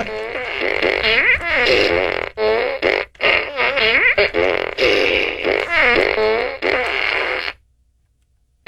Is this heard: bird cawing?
no